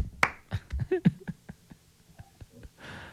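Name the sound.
people clapping hands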